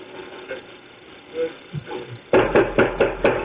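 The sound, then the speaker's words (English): After a couple of seconds of quiet background, loud, forceful knocks pound a door in a rapid burst of about six heavy, booming blows as an FBI SWAT team arrives with a warrant. “Sorry, but when you get a couple of people who didn't hurt anybody and break anything, and you send the SWAT team in, listen to how they knock on the door.”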